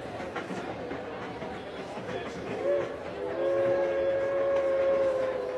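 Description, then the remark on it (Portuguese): A train rumbles steadily through a busy train terminal in Palo Alto, California, crowded with people as trains arrive and depart, then a long, loud whistle sounds for a couple of seconds over the clatter, with a brief shorter blast just before it. “A estação estava cheia de gente e o trem chegava, outro trem partia e era aquela movimentação propriamente de um terminal de trem.”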